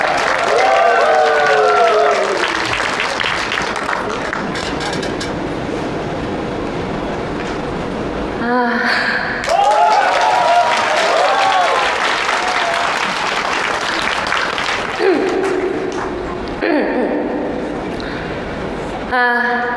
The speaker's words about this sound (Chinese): 再次一掌声送给这位勇敢美丽的小姐姐。